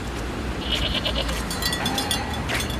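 A goat bleats in a few quavering, wavering cries over a steady outdoor rumble as goats cross a road between houses. Another short bleat comes near the end.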